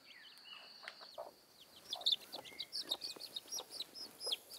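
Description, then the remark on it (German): A hen clucks repeatedly, short throaty notes in a quick irregular series over faint background chirping, with no talking. “Au, du blöde Henne, du. Nicht so einfach, einen Huhn auszutricksen.”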